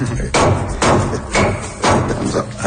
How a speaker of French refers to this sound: D'abord, il faut commencer par écraser le clou de girofle. Mais doucement.